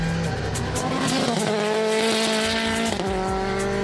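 A rally-derived race car's engine roars loudly as it drives over rumbling curbs on a circuit, its pitch climbing and dropping with quick gear changes. Nobody speaks.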